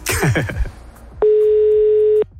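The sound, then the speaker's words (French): A single ring of an outgoing telephone call to a person in Nantes, France: a steady, clear electronic tone lasting about a second, loud, following a brief burst of rustling noise. “Ce serait dommage de ne pas décrocher là.”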